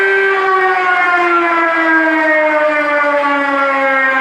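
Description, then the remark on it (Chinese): A loud civil defense air raid siren wails steadily, its harmonic-rich tone slowly sliding downward in pitch over several seconds, with no voices present. It is a Beijing air defense alarm test outside the Fifth Ring Road at 10 a.m. on National Defense Education Day, sounding preliminary, air raid and all-clear alarms in turn. “上午10点，防空警报示鸣正式开始，按照预先警报、空袭警报、解除警报顺序依次鸣响，每轮警报间隔7分钟。”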